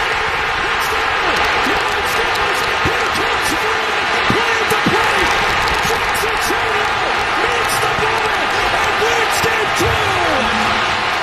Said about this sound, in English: We saw that, and both of us, I've never heard a crowd that loud. No, before. That was a huge pop. You can't even hear the announcer.